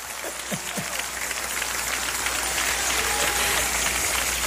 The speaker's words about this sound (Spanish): Ay, la primera vez que me aplauden cuando digo eso.